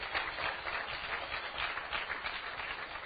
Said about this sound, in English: So you shouldn't be clapping. That shouldn't be a big deal that someone does that, really.